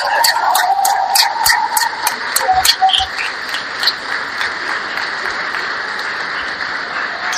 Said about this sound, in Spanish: Creo que quiero un aplauso para todos, para toda la Escuela de Educación Técnica.